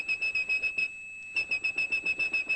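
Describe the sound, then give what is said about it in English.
A high, pure 2600 hertz telephone switching tone, which signaled that a call had ended, pulses in rapid, evenly spaced beeps, stops briefly for a moment of quiet, then resumes its fast rhythmic pattern. It sounds clear and moderately loud, with no voices. “And one of those tones, 2600 hertz, meant the call had ended.”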